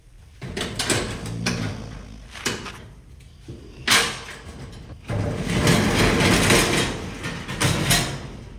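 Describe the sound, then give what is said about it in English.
A storage unit door is handled with a few sharp metallic clanks and knocks, then rattles and rumbles loudly for several seconds as it is hauled open, with no talking. “so let's just open the door.”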